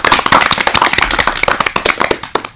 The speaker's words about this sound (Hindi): एक बार पहले जो हमारे सभी नए बच्चे आए हैं आज के प्रोग्राम में, सबके लिए जोरदार तालियां हो जाएं।